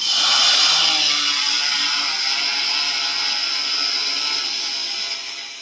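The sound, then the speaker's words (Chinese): A steady, high-pitched mechanical whir and buzz of over ten agricultural drones taking off one after another on a drone patrol course holds level throughout, dense and continuous with no voices, tapering off slightly at the end. “您现在听到的是农用无人机飞行的声音。”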